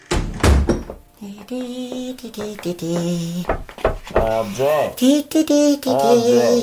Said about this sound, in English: I've only closed the door